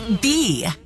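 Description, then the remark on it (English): A short, buzzy bee-like drone in a jingle for the Utah radio station B98.7, with a wavering, swooping pitch, loud, lasting under a second against a hiss of bright noise before cutting off. “Buzzing the Beehive State.”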